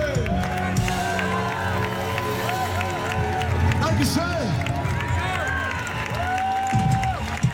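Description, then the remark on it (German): A large concert audience at the Sparkassenpark in Mönchengladbach cheers and claps in a loud, continuous roar, with overlapping shouts and rising and falling whoops rippling through the noise for the whole stretch, bidding the performer farewell. “Viele Besucher kämpften mit den Tränen und verabschiedeten ihn mit einem tosenden Beifall.”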